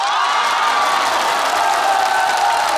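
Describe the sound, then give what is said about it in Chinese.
A crowd claps and cheers loudly and steadily, a dense wash of applause with high whoops rising through it, continuous for the whole few seconds and with no talking. “千言汇成一首歌，您一鼓掌我就唱。”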